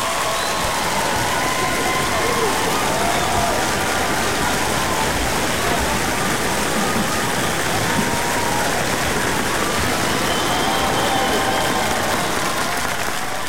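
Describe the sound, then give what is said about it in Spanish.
Sustained audience applause, a dense, even roar of many hands clapping that holds steady at full volume for over thirteen seconds, with faint voices mixed into the crowd noise, given on a Radio Disney show for a listener's question. “Mi querido, bueno, primero que nada, aplauso para usted.”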